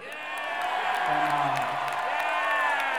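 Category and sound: crowd, audience cheering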